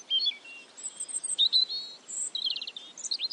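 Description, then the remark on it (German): Several birds chirp and trill continuously, with quick high whistles and rapid repeated notes overlapping one another. The song is fairly soft and steady, with no voices present. “Wir sagen gar nichts mehr. Wir lauschen den Vögeln.”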